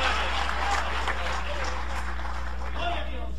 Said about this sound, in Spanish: dale un aplauso de poder al Espíritu Santo esta noche. Aleluya.